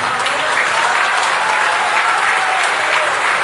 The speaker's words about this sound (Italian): ma però mettiamoci d'accordo, cerchiamo di ridurre gli applausi, perché sennò poi, perché ho diverse cose da dire